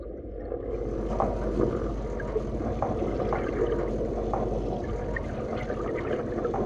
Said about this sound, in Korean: 그때 선장이 긴 대나무를 꺼내드는데요. 바다에 장대를 꽂고선 귀를 기울입니다. 뭘 듣는 걸까요? 이게 지금 민어가 우는 소리 들어보입니다. 민어 우는 소리요? 네.